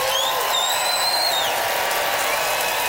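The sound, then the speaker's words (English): A crowd in Regina, Canada applauds steadily in a dense, continuous wash of clapping, voting by applause for a contestant, with a couple of high, sliding whistles cutting through near the start. No one speaks. “Audience, it is up to you, Regina. Time to vote by applause.”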